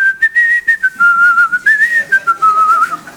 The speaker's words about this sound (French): Tu sais à quoi on connaît les très très bons? Ils sifflent.